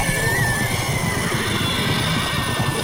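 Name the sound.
horses neighing and stamping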